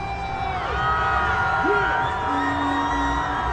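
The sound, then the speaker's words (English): A large outdoor crowd at a New York Knicks championship parade roars continuously as team members go by on floats, with scattered high whoops and yells rising above the steady wall of cheering throughout. “The crowd erupts as members of the team start going by on floats.”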